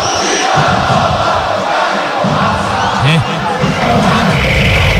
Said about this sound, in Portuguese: Olha o barulhão, olha o barulhão. Aliás, ouça, né? O barulhão da torcida do Vila. Ó.